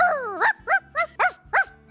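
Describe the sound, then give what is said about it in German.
On World Dog Day, a person imitates a small, yappy dog like a cheeky terrier with five quick bark-like yaps, starting with a drawn-out whining yelp and then four short, evenly spaced barks, fairly loud. “Also wie ein kleiner frecher Terrier, würde ich sagen, klingt das, oder?”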